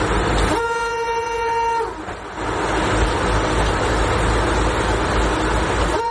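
A vintage streamlined bright red Tatra railcar, the Czech-built Slovenská strela (Slovak Arrow) designed for a fast Prague–Bratislava connection in Czechoslovakia, sounds a long, steady horn blast lasting about a second, then rumbles past loudly with continuous roaring wheel and engine noise.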